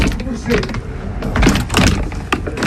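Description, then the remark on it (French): The old, heavy, archaic door of a precious-stone cutter's shop is pushed open, with loud rattling clunks, scraping and mechanical knocks coming in several bursts over a few seconds. “Ça y est, j'ai réussi. Un peu archaïque cette porte.”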